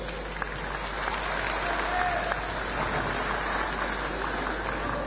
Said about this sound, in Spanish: Lo recibimos con ese fuerte, fuerte voto de aplausos.